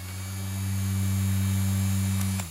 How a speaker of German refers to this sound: Das ist ein Ventilator. Richtig. Klingt nicht so, ist aber einer. Könnte auch was anderes sein, stimmt. Nee, es ist ein Ventilator.